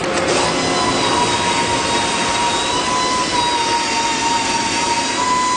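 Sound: loud factory machinery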